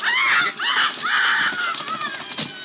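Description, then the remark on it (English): A caged bird squawks harshly and frantically as its neck is wrung, several loud, rasping cries in quick succession, rising and breaking off in distress before trailing into strangled squeaks. “And wrung his neck.”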